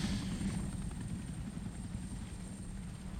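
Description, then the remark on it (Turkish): A helicopter hovers, its rotor producing a steady, heavy thumping drone that stays loud and constant throughout, with no voices present. “Işıkları söndür. Helikopteri buradan gönder.”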